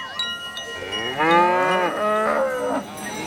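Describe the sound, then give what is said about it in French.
A cow covered in green powder during the Holi festival in India moos loudly, one long drawn-out call with a wavering pitch that rises and falls, with faint background noise and a light clank like a cowbell. “La vache est couverte de poudre verte.”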